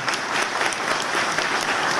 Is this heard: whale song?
no